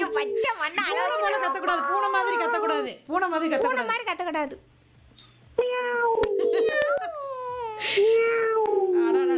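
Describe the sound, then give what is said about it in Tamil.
A human voice imitates a cat, said to have come from Sankarankovil, with loud, drawn-out meows: a long wavering run of calls, a short pause, then several more rising and falling meows. “சங்கரன் கோயில இருந்து பூனை வந்திருக்குது, சோறு வைக்கலங்க யாரு சோறு வைக்க முதல்ல.”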